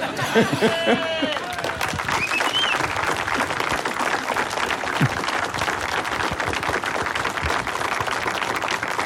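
Sustained audience applause for Miloň Čepelka, a dense steady wash of many hands clapping at even loudness throughout, with a few brief voices and cheers poking through at the start.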